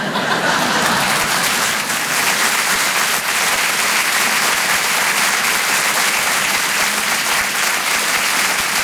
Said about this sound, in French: On peut l'applaudir encore une fois très fort. Elisabeth Buffet, mesdames, messieurs.